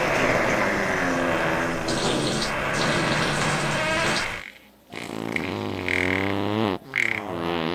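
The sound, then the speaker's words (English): A long, loud fart sound effect with a buzzy, sputtering texture runs for several seconds, pauses, then returns as a series of rippling, wavering blasts that shift up and down in pitch. “Here's a big fart.”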